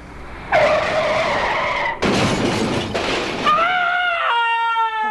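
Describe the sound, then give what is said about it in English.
A car's tires screech loudly in a long, wailing skid, broken by a harsh, noisy rush of scraping, then a final shrill squeal that cuts off abruptly, as the car hits a pedestrian, a man who had gotten out of his car. No one speaks. “Oh no, I hit someone!”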